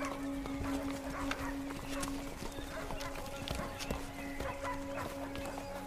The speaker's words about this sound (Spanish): Viserys llega con Otto y otros a caballo.